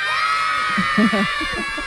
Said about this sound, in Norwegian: det bare kommer unger bare tytende og løpende og presser seg på og dytter bort lærerne og slåss for å komme seg inn i isbilen